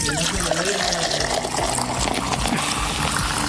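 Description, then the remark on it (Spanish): Mineral water pours steadily from a freshly opened bottle, a continuous trickling and fizzing splash lasting a few seconds, with faint voices murmuring in the background. “La primera agua mineral, claro está.”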